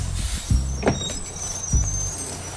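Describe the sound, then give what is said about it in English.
A large vehicle rumbles as its brakes give a thin, high squeal, with a few low thumps, a tour bus slowing to a halt. “Stop the bus, man.”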